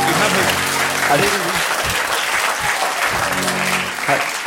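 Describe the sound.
A crowd applauds steadily and loudly for several seconds, a dense wash of clapping hands, while a voice speaks faintly underneath.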